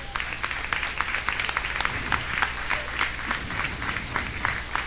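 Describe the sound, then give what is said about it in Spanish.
An audience claps their hands together for God during a Spanish-language church sermon, in a fairly steady rhythm, sharp overlapping claps continuing throughout with a low hum underneath and no one speaking. “Dan palmas a Dios, hermanos.”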